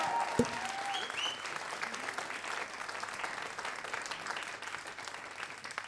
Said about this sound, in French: S'il vous plaît, un tonnerre d'applaudissements